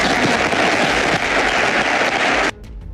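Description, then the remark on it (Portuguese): A crowd applauds José Mourinho, asked to by the re-elected Real Madrid president, loudly with dense, steady clapping for about two and a half seconds, then it cuts off abruptly into a quieter, hissy remainder. “mas depois destes elogios e perante o silêncio na sala, o presidente reeleito do Real Madrid teve de pedir aplausos para Mourinho.”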